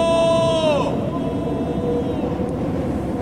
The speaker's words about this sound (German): Nichts. Keine Antwort. Nur der heulende Sturm.